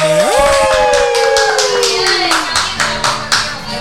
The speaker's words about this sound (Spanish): ¡Los aplausos!